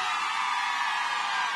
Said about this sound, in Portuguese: Cadê o grito das mulheres apaixonadas?